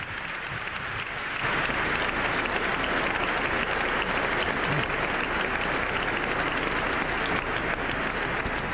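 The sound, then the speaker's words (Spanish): A cathedral audience applauds to receive the Pope as he arrives, sustained, dense applause that swells after the first second and stays loud and steady, a continuous wash of many hands clapping with no voices standing out. “El Papa expresa su agradecimiento a quienes están recibiendo con el aplauso, pone sus ojos en el coro de la catedral, en la parte más alta.”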